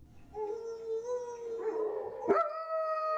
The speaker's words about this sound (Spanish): Pero, ¿por qué aúllan los perros en la noche? Porque sienten hambre o tienen frío. También lo hacen debido a que se sienten solos y es una manera de llamar la atención de los demás.